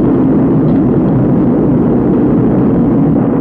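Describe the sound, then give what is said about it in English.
Rocket engines roar at liftoff after ignition of the outboard and inboard engines, a loud, steady, rumbling wall of noise heavy in the low end, holding unbroken for a few seconds with no voices over it. “We have inboard engines. 1, 0. We have a launch commit. We have a liftoff at 35 minutes after the hour.”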